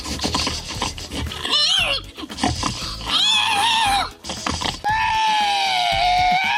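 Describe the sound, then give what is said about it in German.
A man at a pig-imitation contest in Estonia imitates a pig, letting out a string of rough grunts and rising, wavering squeals, ending in one long drawn-out squeal, loud. “Und Andrus, der hat gewonnen, deutlich vor diesem schweinigen Geräuschemacher hier.”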